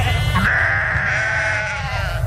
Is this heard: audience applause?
no